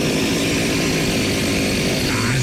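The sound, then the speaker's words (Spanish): A chainsaw is being started, its engine snarling loudly and continuously for a couple of seconds, its buzzing drone rising slightly in pitch near the end, with no voices over it. “Cuando van a prender una motosierra, güey.”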